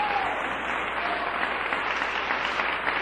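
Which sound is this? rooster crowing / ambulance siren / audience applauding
audience applauding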